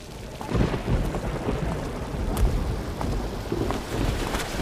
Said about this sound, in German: Mein Chef lässt mich Überstunden kloppen und ich muss durch den Regen laufen, nur weil der scheiß Bus heute nicht mehr fährt.